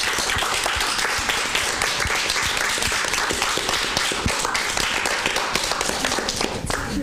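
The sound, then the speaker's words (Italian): Sustained crowd applause, a dense wash of many hands clapping at once, steady and fairly loud throughout with scattered sharper claps poking through. “E vi fate un altro applauso adesso perché ve lo meritate.”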